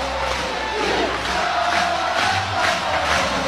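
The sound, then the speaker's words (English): A large stadium crowd at a University of Oklahoma Sooners softball game roars and cheers continuously after a three-run pinch-hit shot, a dense wall of voices swelling in loud waves with no individual speech standing out. “Listen to this crowd.”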